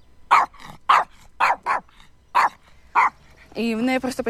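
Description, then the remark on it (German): A dog from Mariupol barks repeatedly, around six sharp, loud barks at an uneven pace, ending in a longer, drawn-out whining yelp. “mein Hund Daisy stammt aus Mariupol und ist traumatisiert”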